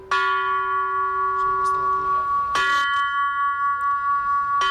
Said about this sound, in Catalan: Així sonen els tres primers prototips de les campanes que va començar a dissenyar Gaudí per col·locar-les a la Sagrada Família.